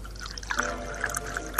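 Water is poured into a glass in a short burst, with bright splashing and gurgling trickles over about a second and a half. No voices.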